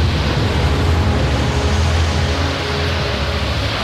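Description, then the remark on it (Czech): A heavy, unbroken roar of crashing storm waves and howling wind around a sailing ship at sea, the wind growing stronger, loud, with a deep rumbling undertone and no voices. “Takové vlnobití jsem si nedokázal ani ve snu představit, pane Hawkinsi.”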